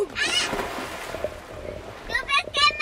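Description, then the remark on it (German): Water splashes and churns in an open pool as children throw themselves into the water, while their high shouts and cries ring out in short bursts near the start and again toward the end. “Da tut immer mindestens ein Gör so, als würde es auf ein anderes schießen, das wiederum so tut, als ob es verletzt wäre und sich dann ins Wasser stürzt.”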